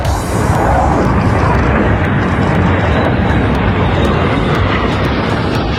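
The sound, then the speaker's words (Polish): A Polish F-35 multirole fighter jet thunders overhead on a welcome flight over Poland, a loud, dense, continuous roar that swells in within the first half-second and holds steady throughout, with no voices. “Wcześniej samolot odbyły lot po polskim niebie w ramach powitania z Polską.”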